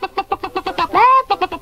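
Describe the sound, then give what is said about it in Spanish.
An old hen, being put into a youth machine, clucks in a quick, steady run of short notes, breaks into one drawn-out rising squawk, then resumes clucking; loud and alone. “Pongo dentro de este lado una vieja gallina.”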